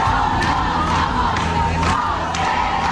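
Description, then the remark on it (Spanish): A large protest crowd camped in tents at the Puerta del Sol roars and shouts together at night despite dropping temperatures, in a steady, dense wall of voices, with rhythmic surges like chanted slogans rising every second or so, loud and unbroken throughout. “En efecto, la bajada de temperaturas no ha impedido que esta noche se haya juntado mucha más gente que las dos anteriores.”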